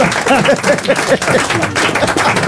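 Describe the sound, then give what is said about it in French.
A crowd applauds steadily and loudly throughout, a dense wash of many hands clapping, with a few voices calling out or cheering over it. “On applaudit”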